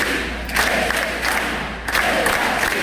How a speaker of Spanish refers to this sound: Durante casi media hora se escucharon consignas como esta, "Sí es España", o también gritos de "Pedro Sánchez, dimisión". Y no faltaron insultos coreados contra el presidente del gobierno.